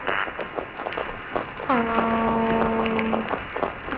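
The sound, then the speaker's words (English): A single loud, sustained tonal hoot from a toadfish, like a low boat whistle, rising briefly then holding steady for about a second and a half over a crackly, noisy underwater background. “They make a variety of sounds, but one of their most well-known is known as the boat whistle or the foghorn.”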